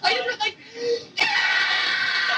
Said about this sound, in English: Yeah! That's me screaming.